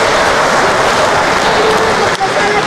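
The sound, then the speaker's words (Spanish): A crowd applauding mothers loudly and steadily, a dense wash of many hands clapping that holds for the whole stretch with only a brief dip near the end. “Un aplauso a las mamás que aman, que aman, que aman, que aman.”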